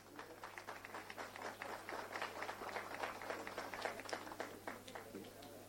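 A crowd applauds steadily for several seconds, many hands clapping in a dense, irregular patter at an even, moderate loudness, with a faint low hum running underneath.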